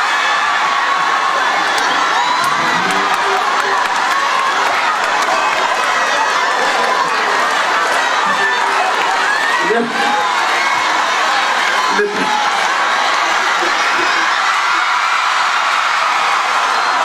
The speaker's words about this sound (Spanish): Dame un aplauso a esta mujer, por favor.